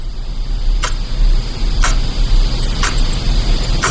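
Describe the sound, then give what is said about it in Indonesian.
A wall clock in a very quiet child's bedroom at night ticks steadily, four sharp clicks about one second apart, clear over a constant low hum and faint hiss, with no one speaking. “Hanya ada jam dinding yang masih bekerja.”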